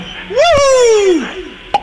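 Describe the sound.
A sharp cork pop sounds under a loud sliding, voice-like tone that rises then slowly falls. A second brief pop snaps near the end.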